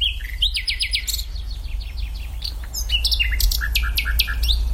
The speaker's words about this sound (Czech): Tak teď jsme slyšeli, myslím, celku důvěrný zvuk. Komu patřil? Tohle je Slavík Obecný. Kdo ho má na zahradě, tak je jistě velice rád, protože Slavík vyspěvuje od večera až do pozdního rána, takže zpívá celou noc.